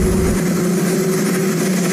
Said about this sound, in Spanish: Sin un cámara de televisión presente, solo se escuchaba el ruido del helicóptero de fondo mientras Trump hablaba con algunos periodistas en el jardín de la Casa Blanca.